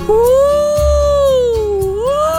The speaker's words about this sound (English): We have a dog who howls at fire trucks and rescue vehicles. And lately, there have been a lot of them. So at our house, this dog can mimic the exact sound of a siren.